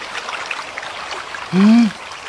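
Steady rushing of fast river water fills the whole stretch with an even, hissing texture, broken near the end by a brief, louder tonal vocal sound.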